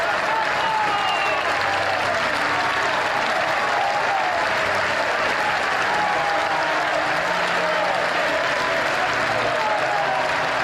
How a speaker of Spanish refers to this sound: Cuando el féretro hizo su aparición, el tiempo pareció detenerse. Un aplauso cerrado y estrenduoso que se prolongó por más de 6 minutos rompió el aire. No eran aplausos de lamento, sino de reverencia.